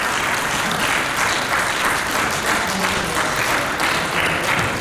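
Loud, dense applause fills the chamber of Slovenia's National Assembly at the close of a session, after a vote that did not dismiss deputy speaker Nataša Avšič-Bogovič; many hands clap in a steady roar that holds at the same level throughout, with no voices rising above it.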